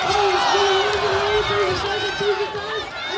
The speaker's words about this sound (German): Immerhin, beim Schweinerennen kann man sich noch gemeinsam freuen. Arnold Schwarzenegger gewinnt. Jubel von allen Seiten.